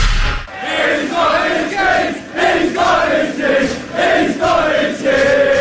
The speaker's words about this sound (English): Those British soccer crowds, very helpful and very drunk. Clearly. But I love it.